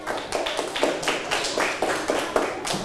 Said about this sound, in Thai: ปรบมือให้เพื่อนกลุ่มที่5ด้วยค่ะ